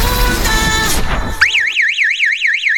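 A loud electronic security alarm starts after a brief burst of noisy sound, its shrill tone wailing rapidly up and down in steady, repeated sweeps with no voices.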